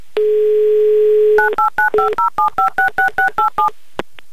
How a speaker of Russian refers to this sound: Набрал номер телефона